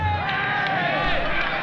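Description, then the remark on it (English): A huge outdoor festival crowd of about 500,000 young people in 1969 murmurs and chatters steadily, a dense wash of many voices blending into continuous hubbub with no single speaker standing out. “This is the largest group of people ever assembled in one place.”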